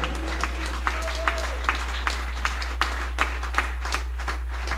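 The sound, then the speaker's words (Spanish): A church audience claps for Jesus in a steady, even rhythm, about two beats a second, over a low constant hum and faint murmuring voices. “Si ese aplauso es para el Rey, no seas miserable, dele fuerte ese aplauso fuerte a Jesús.”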